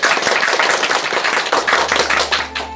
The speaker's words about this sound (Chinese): 来为大家示范诵读，我们掌声欢迎。